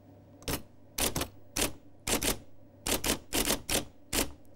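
A typewriter clacks away in irregular bursts of sharp keystrokes, some single and some in quick pairs or clusters, fairly loud with no one talking.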